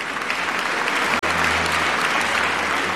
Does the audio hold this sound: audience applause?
yes